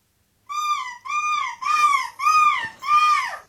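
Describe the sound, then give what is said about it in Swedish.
A person imitates a gull's screech in a quiz comparing the gull-screeching European Championship winner with the host: five loud, harmonic, arching calls in a steady rhythm, each slightly rising then falling, with no other sounds. “Vilken är vinnaren i Måskrik EM och vilken är jag?”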